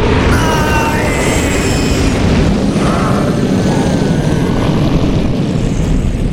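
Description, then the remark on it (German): A loud, sustained roaring whoosh of a man-high wall of flame shooting toward Nabrak and burning him to ash. It is dense and rumbling with a broad hiss on top, holding steady for several seconds with no voices. “Ich öffnete die Augen und sah noch, wie eine mannshohe Flammenwand auf Nabrak zuschoss und ihn innerhalb von Augenblicken zu einem Häufchen Asche verbrannte.”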